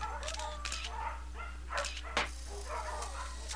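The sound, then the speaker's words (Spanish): Dogs Gotitas and Chomp at the Segunda Oportunidad dog shelter bark and yip in quick, irregular bursts, with higher whining cries mixed in, all over a steady low background hum. “jugaba con sus perros, Gotitas y Chomp, y con Garcilaso, un loro que se creía perro.”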